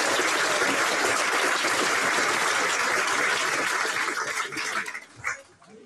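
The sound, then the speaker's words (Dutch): A crowd at an open-air church service in a village applauds to thank the Oranje Comité, a steady, dense wash of clapping that holds for several seconds, then thins out into a few scattered claps before dying away. Nobody speaks over it. “Dus ook hartelijk dank in een grote applaus.”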